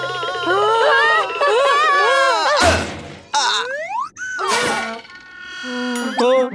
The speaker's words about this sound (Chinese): 哎呀，什么劣质弹簧椅子，我要向消费者协会投诉。